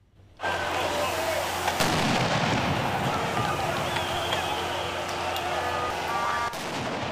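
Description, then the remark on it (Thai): Firebombs burst in a street in Tirana, Albania, among anti-government protesters being sprayed by police with high-pressure water cannon, sharp bangs over a continuous roar of protest noise and shouting crowd, loud, with a dense chaotic wash that cuts off near the end. “ระเบิดเพลิงปะทุขึ้นกลางถนนในกรุงติรานาท่ามกลางกลุ่มผู้ประท้วงที่พยายามป้องกันตัวเองระหว่างถูกเจ้าหน้าที่ระดมฉีดน้ำแรงดันสูงเข้าใส่ระหว่างการปราบปรามการชุมนุมที่เจ้าหน้าที่ใช้แก๊สน้ำตารวมด้วย”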